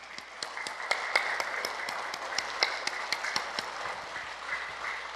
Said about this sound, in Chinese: 这一招叫做我健康你快乐，拍的人健康，趁机会做拍手功，被拍的人快乐，因为我们为他鼓掌，我们为馆长鼓掌。